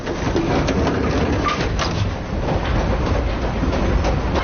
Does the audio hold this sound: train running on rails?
yes